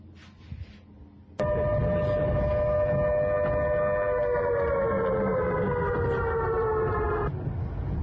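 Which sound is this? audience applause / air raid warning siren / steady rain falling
air raid warning siren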